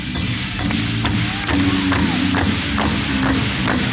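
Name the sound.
audience clapping hands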